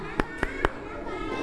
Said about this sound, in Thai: ปรบมือ5ครั้งปรบมือ5ครั้งปรบมือ5ครั้ง